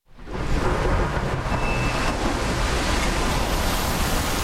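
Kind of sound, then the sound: nature, stormy sea waves crashing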